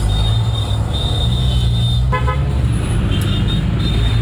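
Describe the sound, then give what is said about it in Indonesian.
A city bus, whose fare is paid with waste plastic bottles, arrives and idles at a bus stop on Jalan Pemuda in Surabaya, Indonesia, with a deep, steady engine rumble, and a short horn toot sounds partway through over the continuous street noise. “Pendengar, saat ini saya sedang berada di halte bus Surabaya di Jalan Pemuda.”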